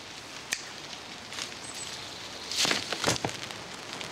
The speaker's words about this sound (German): Es regnet.